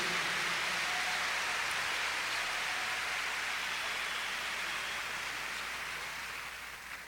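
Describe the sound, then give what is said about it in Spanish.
An audience applauds for Jesus Christ in a dense, steady roar of many hands clapping together, holding strong for several seconds before easing slightly at the end, with no voices heard over it. “Más fuerte el aplauso a Cristo.”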